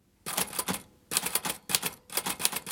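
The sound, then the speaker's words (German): Rapid mechanical typewriter keystrokes clatter in three bursts separated by brief pauses, fairly loud, with no voices. “Mit der Schreibmaschine gegen Zensur und literarische Unterdrückung.”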